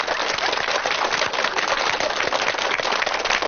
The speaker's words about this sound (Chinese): 鼓掌呀